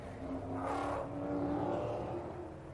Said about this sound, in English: So the cars coming round on their opening sighting lap and dropping down that very steep run down from the corkscrew. It is the signature corner here.